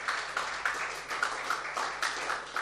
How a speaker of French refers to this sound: puisqu'elle m'a été offerte gracieusement par l'organisation, encore une fois, qu'on peut applaudir, hein.